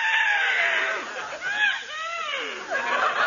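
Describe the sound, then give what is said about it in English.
A horse named Numbskull whinnies, a loud, high, quavering neigh that wavers and slides downward in a few shaky bursts over about three seconds, with no talking. “Oh, what a cute little horse.”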